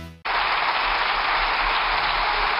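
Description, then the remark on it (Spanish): Sustained applause in parliament from Socialist Party deputies and members of the government, starting abruptly after a brief tone and holding steady and loud as dense, continuous clapping. “Con los aplausos de los diputados y las diputadas del Partido Socialista y también los miembros del gobierno.”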